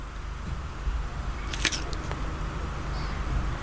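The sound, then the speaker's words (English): A single sharp, crisp crunch of teeth biting into a crunchy snack, the initial crunch, followed by a fainter crackle, all over a low steady background hum. “That was a crunching bit. The initial crack is quite important, I suppose.”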